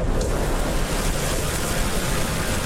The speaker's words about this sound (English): A roar of wind blasts through the plane and needles his eyes.